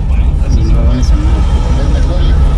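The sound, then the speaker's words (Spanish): Steady, loud rumble of road traffic played from a video, engines droning continuously, and indistinct voices murmuring underneath throughout. “Porque lo que vemos es allí un tráfico vehicular.”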